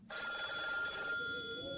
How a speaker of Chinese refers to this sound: 电话铃声猛地在一个楼里骤响。随着电话铃响，楼里亮出了一窗的灯光。